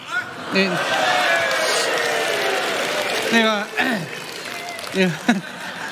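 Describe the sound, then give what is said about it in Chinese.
A steady wash of audience applause at a stage performance fills the whole stretch, dense and even, while a few brief spoken interjections cut through over the clapping. “怎么开始学会要掌声了呢？”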